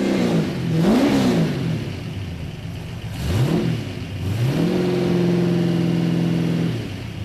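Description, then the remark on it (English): A Holden family passenger car built for racing fires up and revs hard, pitch sweeping up and down twice before holding a steady high roar for a couple of seconds. It is loud, with no talking. “Well, that is the car firing up there.”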